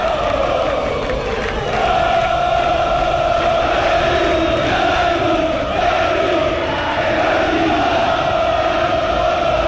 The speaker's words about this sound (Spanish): Le gritan al minúsculo grupo de hinchas liberteños que está sobre la bandeja sur de la escolta. Los hinchas franjeados sin banderas, sin bombos y platillos, como habíamos mencionado, pero bastante bulliciosos los miembros de la 79.